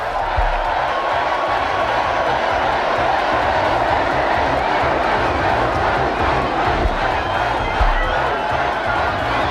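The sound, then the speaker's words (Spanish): A dense festival crowd in Navarra cheers and shouts continuously at noon on 14 August, while a festival firework rocket (cohete) bursts with a few brief, low booms beneath the steady roar of voices. “Con cohetes como el que acaba de explotar, por ejemplo, en dos localidades muy llamativas.”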